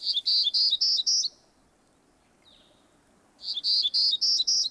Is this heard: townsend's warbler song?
yes